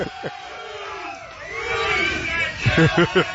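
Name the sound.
crowd cheering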